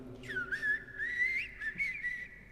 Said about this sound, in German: Und dann erwacht die erste Amsel.